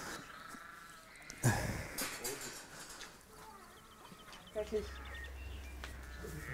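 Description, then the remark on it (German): A sheep bleats a few times in wavering, nasal cries, with quieter farmyard background noise and a low hum underneath. “Das ist ein Schaf.”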